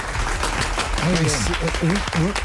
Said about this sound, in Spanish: Un aplauso para el esfuerzo que hacen estos hombres que sienten verdaderamente a Colombia.